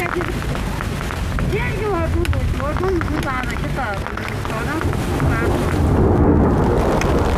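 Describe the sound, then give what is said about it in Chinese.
Heavy rain pours down outdoors in a dense, steady roar that swells slightly toward the end, while people shout urgently to one another to pack up their instruments and equipment. “收东西，收东西，下雨了，下雨了。”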